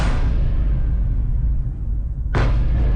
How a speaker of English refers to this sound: Explosions rocking the night sky after Russia launched a major overnight attack.